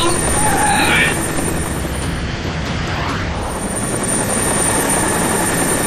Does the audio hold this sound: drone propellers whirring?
yes